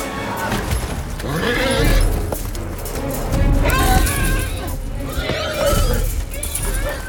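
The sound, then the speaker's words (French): Several loud, shrill horse screams and distressed whinnies overlap in quick succession, rising and falling in pitch over a dense rumbling background of commotion, from a scene in the film War Horse in which the horses are suffering and being massacred. “Par exemple, alors dans ce film, Chevaux de guerre, est-ce que ce que l'on entend, donc on est sur une scène où normalement c'est ils souffrent, ils sont un peu massacrés, et on entend ces cris de chevaux.”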